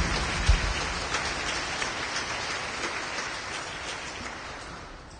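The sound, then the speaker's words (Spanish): A crowd claps hands loudly for Christ Jesus in a dense, continuous patter that holds steady and fairly loud for several seconds, with no voices over it. “Fuerte palmas, va Cristo Jesús.”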